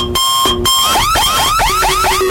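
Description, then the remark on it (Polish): A loud electronic alarm blares continuously, first a steady pulsing tone, then rapid rising whoops repeating in quick succession, like a car alarm cycling through its patterns. “jak zgarniesz kasę w RMF Max, to na szczęście nie będzie ani takiego głośnego alarmu, ani pościgu”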